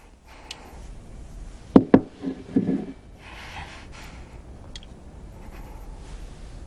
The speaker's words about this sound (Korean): 망치를 내리쳐보세요. 두식은 망치를 테이블에 내려놓는다.